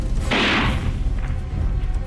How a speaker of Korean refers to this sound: 총소리와 함께 풀썩하고 육중한 몸뚱이가 꼬꾸러졌다.